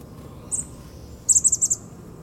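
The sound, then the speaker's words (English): Calls of three or four chickadees: a single high, thin note, then a quick burst of five or six bright, repeated notes, clear over a soft outdoor background with no talking. “A couple of chickadees, I think.”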